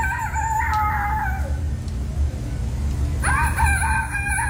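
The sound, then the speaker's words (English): A child's voice imitates a rooster crowing in a rooster-crowing contest at the Iowa State Fair, two long quavering cock-a-doodle-doo calls separated by a pause, loud over a steady low background rumble. “Kids just testing out their best rooster impersonator.”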